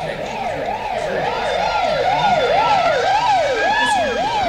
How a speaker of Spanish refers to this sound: Vi pasar una ambulancia. Patrulleros de la policía.